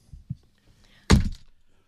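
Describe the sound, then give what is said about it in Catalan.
A door slams shut hard as a person leaves, with a single loud thud that rings briefly and fades, preceded by a couple of softer knocks and faint shuffling. “Amb un fort cop de porta, en Ferran se'n va.”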